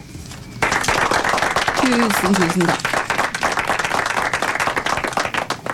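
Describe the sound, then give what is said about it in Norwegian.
A burst of dense applause breaks out suddenly and continues steadily with many hands clapping, while a voice speaks briefly over it; the applause thanks a woman from Sarpsborg who called to join the autumn campaign. “Her kommer en applaus også.”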